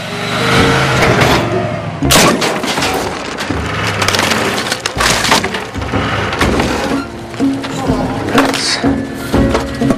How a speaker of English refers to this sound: He reverses into his driveway but misjudges and knocks down the picket fence at the front of the house.